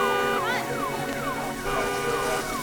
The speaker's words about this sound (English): Car alarm?